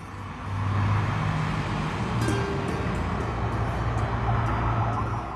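Many luxury cars arrive together, followed by media vehicles, rumbling past with steady engine hum and road noise. It is a continuous dense traffic wash with no one speaking.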